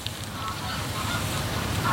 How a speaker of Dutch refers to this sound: Groepen ganzen die dan al gakkend overvliegen, die hebben wel gebruik gemaakt van de mogelijkheden die de landschap biedt.